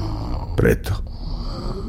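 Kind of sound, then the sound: human body sound, person snoring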